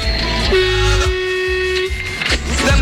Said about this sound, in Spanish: Qué grande la bocina del camionero, la bocina de mi amigo el Gaby Capo Total.